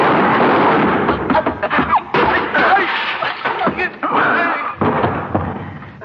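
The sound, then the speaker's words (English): Several sharp gunshots crack through a loud, continuous wash of rumbling noise, the reports landing irregularly over about six seconds with no clear speech. “Since when have you been carrying a gun?”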